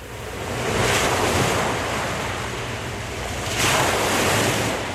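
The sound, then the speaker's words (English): Ocean waves roll and break at the Flagler Beach Pier in a steady roar of surf, with two louder surges about three seconds apart and some wind buffeting in the background, no voices. “Live from the Flagler Beach Pier, you're riding the waves with DJ Brother Dave on Surf 97.3.”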